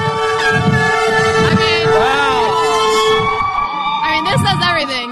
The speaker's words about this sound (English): That was the Chicago Fire Department. Looks like responding to a call and, honking in support. That's incredible.